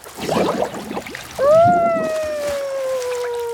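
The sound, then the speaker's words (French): A brief burst of gurgling bubbles blown in water by a cuddly toy sitting on the back of a blue whale, quickly followed by a long, sustained whale-like tone that slowly slides downward and fades out. “Il s'amuse à faire des bulles dans l'eau.”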